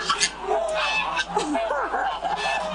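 A flock of lion-head geese at a goose farm in Chaoshan, Guangdong, China, honks repeatedly and overlappingly. Loud nasal calls rise and fall amid the busy clamor of many birds.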